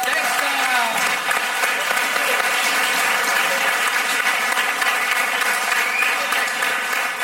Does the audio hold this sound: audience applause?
yes